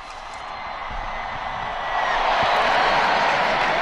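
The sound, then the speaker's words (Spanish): A large crowd cheers and shouts for Jesus Christ at the start of the Jubilee of Hope, in a dense, continuous roar that swells louder partway through, with scattered whoops and a few claps rising out of the wash of voices. “Y hoy sus voces, su entusiasmo, sus gritos, que todos son por Jesucristo y los van a escuchar hasta el fin del mundo.”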